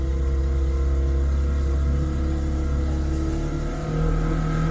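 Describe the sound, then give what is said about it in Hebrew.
A steady, loud motorboat engine sound effect drones continuously, a low rumbling hum with harmonic whine, slightly dipping near the end before resuming. No voices. “שמת לי רעש של סירת מנוע.”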